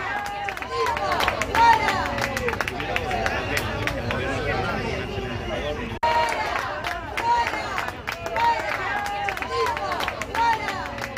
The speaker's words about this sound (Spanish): Gritos de fuera, fuera, cuando se producía esa llegada del presidente del Gobierno, Pedro Sánchez,